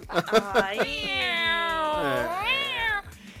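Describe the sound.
A person vocally imitates a yowling cat, producing a long, wavering, strained wail that rises and falls for a couple of seconds after a few short vocal bursts, fairly loud.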